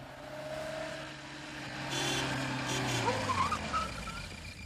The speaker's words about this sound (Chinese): 晚饭的时候，门外忽然传来了汽车声